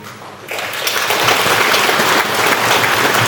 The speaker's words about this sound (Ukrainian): Я дуже хочу, щоб зараз ці оплески пролунали для наших матусь.